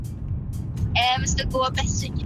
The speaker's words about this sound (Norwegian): Hvor jeg hører du sitter I bilen